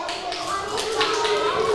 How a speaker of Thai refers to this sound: ปรบมือให้ตัวเองค่ะ